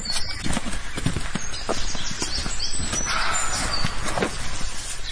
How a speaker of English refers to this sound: I'd never had a roe deer bark at me before, but I have now. And he sounds angry. Really angry.